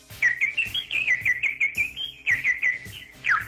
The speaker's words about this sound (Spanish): Pajaritos de cuando acaban de nacer.